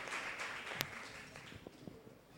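Soft, steady applause from an audience for the Church of Christ group as they come up for a t-shirt, many hands clapping in a continuous dense patter, with one sharper clap standing out early on.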